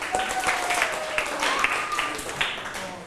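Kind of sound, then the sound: crowd, students applauding themselves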